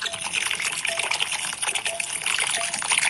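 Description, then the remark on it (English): Two ducks dabble for peas in a bowl of water, making continuous splashing and wet slurping with quick irregular bursts, heard alone without voices. “Two ducks eating peas out of a bowl of water.”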